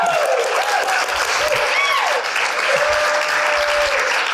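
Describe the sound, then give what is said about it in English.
A crowd applauds a colleague who has just become vice president, steadily for several seconds, a dense, even wash of clapping with a few cheers and whoops rising above it. “Can you guys give her a round of applause, please?”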